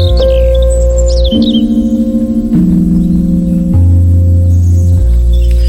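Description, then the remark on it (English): A blackbird sings a few quick, warbling phrases near the start, layered over loud, sustained organ-like chords that shift steadily in slow steps; the birdsong fades and the held chords continue alone. “Pat's grandpa reckons that's a blackbird at the beginning of ….”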